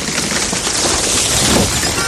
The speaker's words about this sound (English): Whoa, that branch just fell on your car. Yeah, I see that.